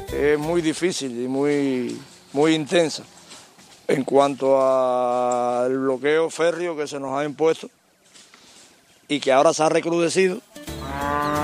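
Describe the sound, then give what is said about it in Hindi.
Young white Bengal tiger cubs, newly born at a zoo in Cuba, crying loudly in a run of drawn-out, wavering wails that rise and fall in pitch, repeated in bursts with short pauses between them. “Zebra, दरियाई घोड़े, African savanna और अब इन नन्हे टाइगर शावकों की किलकारियां।”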